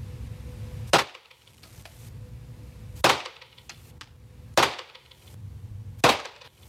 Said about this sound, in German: Und apropos, wenn ich jetzt dann schieße, habe ich übrigens nicht so schnell geschossen, wie es sich anhört. Die Schüsse waren ein bisschen weiter auseinander.